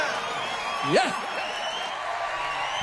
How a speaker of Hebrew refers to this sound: כפיים! הם לקחו את המיקרופון למקסימום!